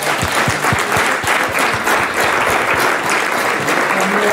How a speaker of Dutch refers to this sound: Graag applaus voor onze weervrouw, Sabine Hagedoren.